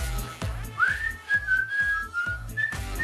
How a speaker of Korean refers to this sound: 아빠 휘파람 좀 불자. 널 위해서 불러주는데, 응?